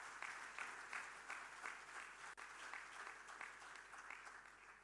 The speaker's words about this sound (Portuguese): Queria, por isso, pedir mais uma forte salva de palmas por este ato.